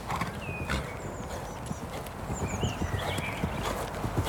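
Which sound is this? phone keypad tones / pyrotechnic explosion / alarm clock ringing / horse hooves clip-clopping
horse hooves clip-clopping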